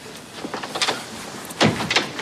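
A few soft knocks on a door, then a louder rattle and sweep as the door is pulled open nearby, with no one speaking.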